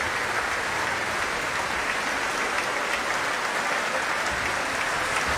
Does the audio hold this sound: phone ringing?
no